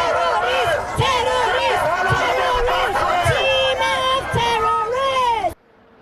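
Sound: protest crowd shouting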